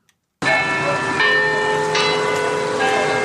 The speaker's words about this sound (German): Das Glockenspiel im Turm des Kopenhagener Rathauses. Für Einwohner und Touristen gleichermaßen ein ikonischer Klang.